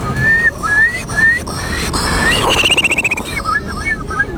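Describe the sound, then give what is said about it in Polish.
At the Polish bird-imitation championships in front of the Palace of Culture and Science, a person whistles an imitation of a Eurasian curlew: rising whistled notes, then a fast bubbling trill, then more short upward whistles. Fairly loud, with no talking. “Numer popisowy to będzie Kulik Wielki. Brzmi on mniej więcej tak.”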